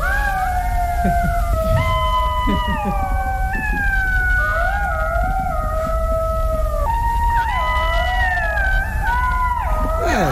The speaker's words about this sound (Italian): Ecco, il verso immancabile. È simile a un lupo, grigio nell'aspetto, e anche se è più piccolo. È lo sciacallo dorato. Ascoltiamo.